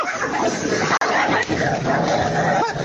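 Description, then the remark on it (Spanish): Dogs named Brujita and Campanita fight in a loud, continuous tangle of snarls, yips and barks that barely lets up for the few seconds, with one sharp break near the start. “Se están peleando la brujita con la campanita.”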